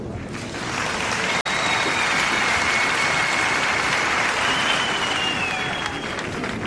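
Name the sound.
audience clapping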